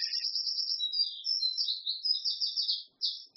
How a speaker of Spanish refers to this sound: Miren, tenemos un pajarito aquí al lado que está bastante alto. Está haciendo competencia, quiere contarles algo.